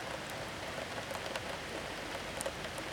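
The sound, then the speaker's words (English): Rain falls in a steady, even hiss, with scattered sharper ticks of individual drops standing out now and then. No one speaks. “Yeah, if there's one positive to all this rain, somewhere there's a really happy duck.”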